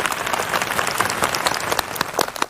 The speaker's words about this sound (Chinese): 为了保证你们的安全，我们栏目组呢特别邀请了红花尔基张子松国家森林公园救援队的叔叔阿姨们对你们进行全程的保护。来，我们把掌声送给他们。